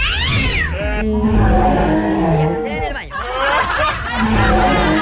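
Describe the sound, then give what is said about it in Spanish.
A person's voice mimics a cat, producing drawn-out, wavering meows with sliding pitch, loud, with a few other voices and noises mixed in behind. “el único operador que tiene más de 64 mil sonidos de animales, incluyendo... ¡Un perrito! ¡Una carta! ¡Un gatito!”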